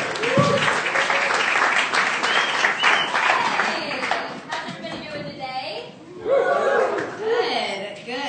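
A room full of people applauds steadily, dense clapping that carries on for several seconds with scattered laughter and cheering mixed in, fairly loud and close.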